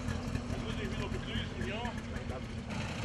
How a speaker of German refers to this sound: Sie startet mit dem DKW aus Zschopau, der mit seinem kleinen Zweizylinder-Zweitaktmotor dahin tuckert.